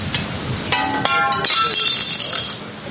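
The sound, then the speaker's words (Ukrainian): Rescuers knock out the remaining window glass from buildings damaged by shelling in Zaporizhzhia, Ukraine: glass shatters in a few sharp bursts, followed by tinkling shards falling and clinking, loud with an outdoor wash behind it. “А рятувальники обстежують будинки і вибивають залишки скла, щоб воно не впало перехожим на голови.”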